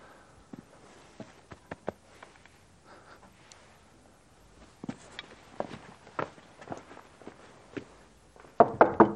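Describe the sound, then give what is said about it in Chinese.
Scattered footsteps and light thuds lead up to three loud, quick knocks on a regiment commander's door near the end. The knocks are forceful, with no one speaking. “你开开门，情况已经弄清楚了。”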